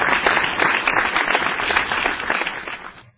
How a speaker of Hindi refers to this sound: तो उनके लिए जरा तालियों के साथ उनका स्वागत हो जाए।